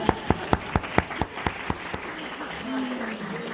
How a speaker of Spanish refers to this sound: Muy bien, un aplauso para la gente.